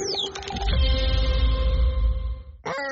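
The Clear Mobile Parrot squawking loudly: a quick swooping screech at the start, then a long, buzzy, sustained squawk, and another sharp rising call right at the end.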